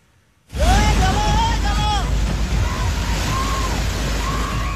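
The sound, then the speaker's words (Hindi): A loud, continuous roar of rushing floodwater from swollen rivers and streams during heavy monsoon rain in Himachal Pradesh and Uttarakhand begins abruptly and churns without pause, heavy, with faint shouting voices rising and falling over the torrent. “कहीं नदी नाले उफान पर हैं तो कहीं भूस्खलन हो रहा है।”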